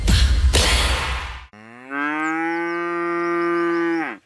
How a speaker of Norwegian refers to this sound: Da der var lyden av en ku på utmarksbeite.